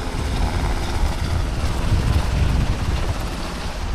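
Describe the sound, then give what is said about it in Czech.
Two Black Hawk helicopters lift off with full bambi buckets of about 2,500 litres of water each, heading to fight a fire about 3 kilometres away; their rotors produce a loud, continuous roaring rumble with heavy wind buffeting the microphone throughout. No one speaks. “Bambivaky jsou plné a vrtulníky teď vzlétají a letí hasit požár, který je asi 3 kilometry odsud.”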